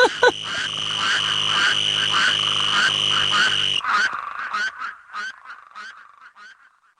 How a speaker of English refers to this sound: Spadefoot Toads. What I love about this track is that there is a little green toad who keeps interrupting all of the spade toads. And he's sort of saying, hey, guys, I have something to say. Move over.